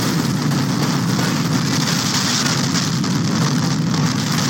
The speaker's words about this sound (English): A home was flattened and two people trapped in their basement when a funnel cloud roared through a field in St. Liberty, Nebraska this weekend.